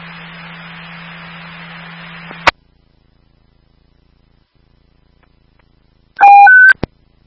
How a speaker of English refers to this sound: All companies, Hebron Street, evacuation tone at this time. Evacuation heading to defensive operations.